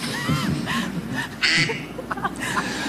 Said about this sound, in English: Why does he have that as his ringtone? Who has a duck quack as a ringtone?